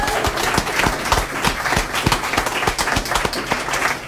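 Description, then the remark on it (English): A crowd at an evening event applauds a poem reading, many hands clapping in a dense, crackling patter with a few sharper claps standing out, holding at an even, fairly loud level throughout without any voices. “Let's give him a hand.”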